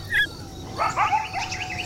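Coyotes barking and yipping: one short, shrill yip, then a quick tumble of overlapping high-pitched yelps and wavering barks, moderately loud with an open-air feel and no talking.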